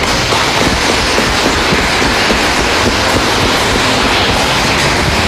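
An audience gives loud, sustained applause, a dense, steady wash of many hands clapping that holds at full strength for several seconds with no voices above it.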